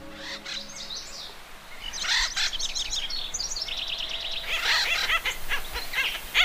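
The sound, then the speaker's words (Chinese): Acorn woodpeckers give repeated raucous, chattering calls in uneven bursts, fairly loud and high-pitched, with a steady low rumble and hiss underneath and no one talking. “橡树啄木鸟对橡子情有独钟，这一家子甚至将整棵树都打造成了他们的橡子仓库。”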